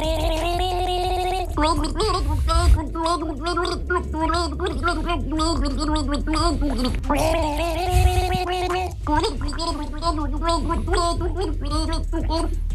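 Two voices gargle a slow, melodic rock ballad tune, the bubbling sustained pitches rising and falling steadily in a continuous, fairly loud performance with no spoken words.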